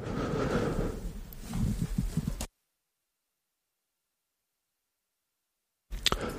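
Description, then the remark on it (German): Someone clears their throat with a rough, low rasp lasting a couple of seconds, then the sound cuts off into dead silence before a short noisy burst returns at the end. “Das war eine kurze Räusperpause.”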